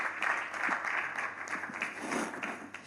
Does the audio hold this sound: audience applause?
yes